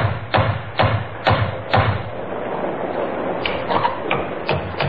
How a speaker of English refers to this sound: Henry helped Elizabeth out of the worst of the rain, handed her a funny little terrier named Patsy, which Elizabeth had insisted on bringing with her, and then knocked on the door of Webley's Inn.